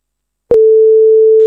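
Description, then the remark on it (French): A sharp click, then a steady, unbroken telephone line tone at a single pitch, loud, holding to the end with no one speaking. “Ah, le téléphone.”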